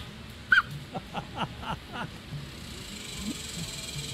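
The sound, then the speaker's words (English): A duck with the hiccups gives about five short, sharp jolts in quick, slightly uneven succession outdoors, over the steady hissing spray of a sprinkler and faint low background chatter. “Well, I do now, and here's what a duck with the hiccups sounds like.”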